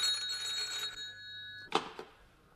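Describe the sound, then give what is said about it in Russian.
A telephone bell rings with a bright, sustained metallic trill for about a second, fading out, followed by a sharp click like a handset being lifted. No one speaks. “у телефона”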